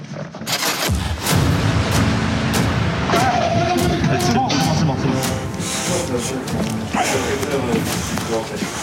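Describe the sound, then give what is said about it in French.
A sudden loud bang from a stun grenade erupts early on as police launch an assault at the Master Grill, followed by a chaotic wash of noise, sharp knocks and clatter, with raised voices shouting throughout. “L'assaut est déclenché, avec une grenade assourdissante.”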